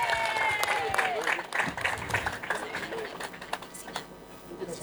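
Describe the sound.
An audience breaks into sustained applause, dense overlapping claps that stay steady and fairly loud before thinning slightly toward the end, with some voices mixed in.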